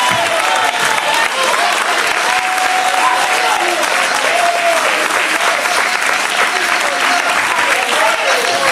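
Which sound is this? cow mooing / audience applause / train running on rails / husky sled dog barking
audience applause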